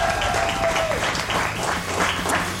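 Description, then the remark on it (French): Loud, sustained applause: dense, overlapping clapping that holds at an even level for the whole clip, with no one speaking. “On peut applaudir Mathieu les amis.”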